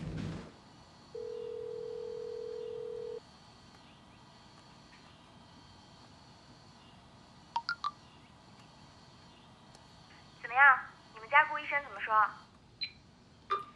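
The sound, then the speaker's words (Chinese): Telephone dialing a call to a hospital's medical affairs office to request approval: a steady tone hums for about two seconds, then a few short, sharp key beeps follow, with a voice briefly speaking between the last beeps. “不等了，患者的生命比较重要，我去给医务处打电话，申请批准。”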